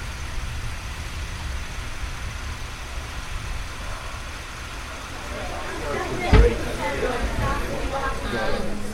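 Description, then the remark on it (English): A car engine rumbles steadily, a low continuous drone with one sharp thump partway through, and muffled voices murmur faintly underneath in the later half. “Who's driving that? Is that your car?”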